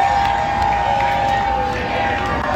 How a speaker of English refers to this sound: spoke to fans who were cheering on the home side outside BC Place.